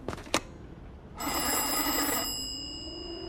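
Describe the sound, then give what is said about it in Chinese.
A telephone bell rings in one loud, rattling burst of about a second as a call is placed to the weather station, its metallic tone lingering afterward. Two sharp clicks come just before it, and no one speaks. “给气象站再打个电话。”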